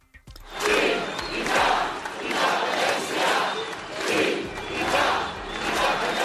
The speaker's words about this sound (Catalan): És el crit unànime repetit a la gran manifestació als carrers de Barcelona que ha aplegat milers de persones convocades per Òmnium i l'Assemblea Nacional Catalana amb la participació de totes les formacions independentistes.